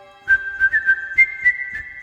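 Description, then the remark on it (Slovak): Someone whistles a simple, cheerful tune, holding bright notes that shift slightly in pitch, with soft rhythmic thumps beneath. No one speaks. “Princ kráčal po záhrade, privoniaval ku kvetom a veselo si pritom pískal tak ako pred časom v otcovej záhrade.”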